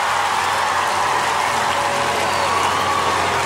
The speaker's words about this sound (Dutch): Hoor dat applaus. En dat is mooi. Hij pakt het niet helemaal op zichzelf, maar hij gaat met zijn band, zijn voltallige band, helemaal naar voren om te buigen voor het publiek.